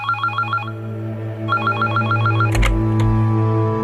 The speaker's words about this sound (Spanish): suena el teléfono.